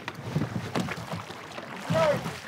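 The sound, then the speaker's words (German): Oars splash and dip into water in a steady rowing rhythm as a crew rows a boat together in time, a few strokes, with faint voices and a brief vocal call over the watery swishes. “Das Ruder nicht zu so tief ins Wasser.”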